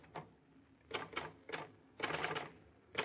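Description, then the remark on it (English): Clacking of a portable typewriter typing on a sheet of paper, the typewriter resting in a lap to deaden the noise and vibrations; keys struck in short bursts with brief pauses, a longer flurry of rapid strokes near the end, fairly muffled, with no voices. “You insert a sheet of paper into the portable. Put it in your lap to deaden the noise and vibrations.”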